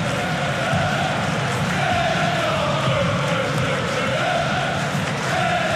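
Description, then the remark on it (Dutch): A stadium crowd applauds player Gerrit Nauber as he warms up, a steady, loud wash of clapping mixed with a roar of many voices, sustained without a break for several seconds. “applaus dat u hoort.”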